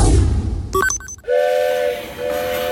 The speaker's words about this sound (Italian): Il treno.